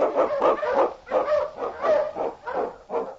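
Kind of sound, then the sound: animal, husky sled dogs barking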